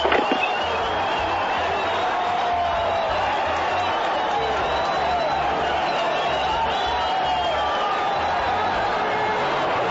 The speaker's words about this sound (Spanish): El año pasado, no le gustaron los abucheos en Monterrey, y ahí se acordó de que en algún momento fue Tigre.